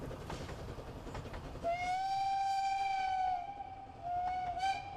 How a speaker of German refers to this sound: Vom Aussichtsturm kann man auch die Bergfahrt des Zuges aus Göhren, dem anderen Ende der Schmalspurbahn, erleben. Hier geht es durch weite Felder bergauf, sodass die Ankündigungssignale aus Rauch und Dampf frühzeitig bemerkt werden.